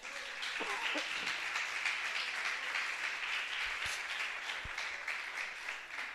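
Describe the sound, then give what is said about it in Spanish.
Steady applause from a church audience for Christ during a morning service fills the whole span, a dense even clatter of many hands with a few faint voices and scattered cheers mixed in. “¿Cree que Cristo se merece un aplauso en esta mañana?”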